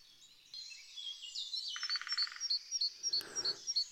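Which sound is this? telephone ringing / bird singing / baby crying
bird singing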